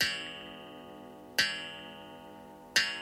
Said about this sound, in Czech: V krámku ztrát a nálezů to začalo účinkovat přesně ve 12 hodin v noci. Sotva na hodinách rozvěšených po stěnách zahrkala půlnoc.